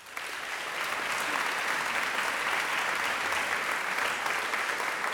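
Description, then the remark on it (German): Sustained audience applause welcoming Dr. Katharina Wesselmann, a professor of classical philology, as she is invited up; a dense steady wash of many hands clapping at even loudness for about five seconds, with no voices over it. “Und jetzt darf ich hier rüberlaufen und eine Frau neben mich bitten, eine Frau, die sich auskennt mit Antigone, mit ganz vielen Göttinnen, mit ganz vielen Gottheiten, einen ganz, ganz großen Applaus für Dr. Katharina Wesselmann.”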